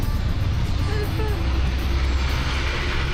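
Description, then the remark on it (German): A new auto rickshaw (tuk-tuk) drives in left-hand traffic in Veligama, with a steady engine drone and constant road rumble, loud and unbroken for the whole stretch. “Aber ansonsten fährt sich das neue Tuk-Tuk super.”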